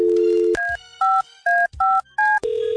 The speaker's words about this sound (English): Let me just make this phone call